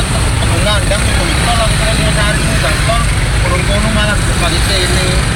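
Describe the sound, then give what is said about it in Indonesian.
Dense, steady traffic noise of a jammed road full of motorbikes, so packed that even the motorbikes tend to stop, with engines rumbling continuously and people's voices chattering underneath. “Luar biasa padatnya ini. Bahkan motor pun cenderung berhenti kawan.”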